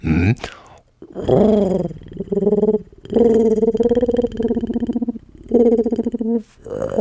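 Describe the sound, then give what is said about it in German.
A voice imitates a sad pigeon sitting on a roof, giving several drawn-out, wavering, mournful coos in a row with short pauses between them, fairly loud. “Kannst du auch eine Taube nachmachen? Klar. Pass auf. Die sitzt auf dem Dach und ist ganz traurig.”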